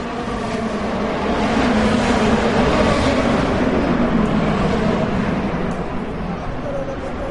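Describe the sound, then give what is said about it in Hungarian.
Powerful race car engines of up to 800 horsepower each roar loudly and continuously during the Freedom 250 Grand Prix around the National Mall and Capitol in Washington, a dense, reverberant drone of several engines blending together, echoing off the large government and museum buildings, with no quiet gaps throughout. “Az amerikai kormányzat és múzeumi negyed hatalmas épülettömbjei jócskán visszhangozták és visszaverték az egyenként akár 800 lóerős motorok hangját.”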